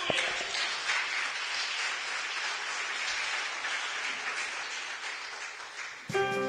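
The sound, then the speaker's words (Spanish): A standing audience claps for the Lord during a sermon, a dense, even wash of applause for about six seconds, then a short tonal sound with a clear pitch breaks in at the very end. “Póngase de pie, denle un aplauso al Señor, hermano.”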